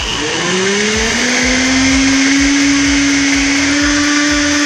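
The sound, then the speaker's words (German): A kitchen blender whirs loudly and steadily, its motor pitch rising quickly as it spins up and then holding a constant high drone with a gritty, chopping texture throughout. “Jawohl, es ist sowas von ein Mixer.”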